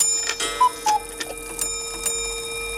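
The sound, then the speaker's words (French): A pendulum clock chimes the hour at ten o'clock, its bell-like tones ringing and lingering steadily while soft ticking taps through the background. No one speaks. “pas la peine de regarder la pendule, il est 10h.”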